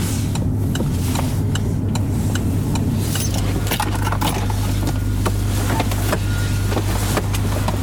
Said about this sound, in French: Ouais, ouais, ouais, je vais me garer là. J'avais déjà mis mon clignotant pour te dire.